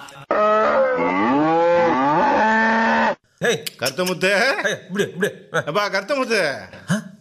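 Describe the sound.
A cow lets out one loud, drawn-out moo lasting nearly three seconds, its pitch wavering up and down, then a person starts talking right after.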